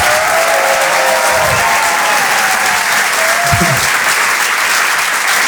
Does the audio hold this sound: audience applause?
yes